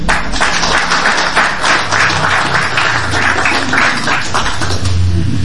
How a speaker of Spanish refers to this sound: Un fuerte aplauso.